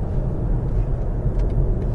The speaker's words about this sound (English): Just went from 50 miles an hour to 70 miles an hour with the flex of me right big toe. Now cruising at 70 miles an hour, very little wind noise.